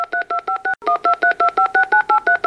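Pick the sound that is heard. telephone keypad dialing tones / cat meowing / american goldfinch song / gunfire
telephone keypad dialing tones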